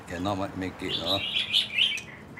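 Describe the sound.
A brief voice opens, then a lively chorus of more than 30 kept birds in a front garden chirps and trills together, bright overlapping calls that fill the rest of the moment.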